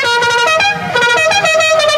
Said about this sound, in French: Non mais ça va, le mec avec son klaxon de mariage, ouais, tranquille. Ouais, c'est vrai, ça, c'est un klaxon de routier, ça, hein?